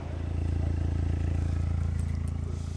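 vehicle, car engine revving

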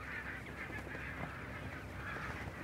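bird, barnacle geese honking

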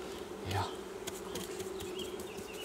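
insect, honeybees buzzing

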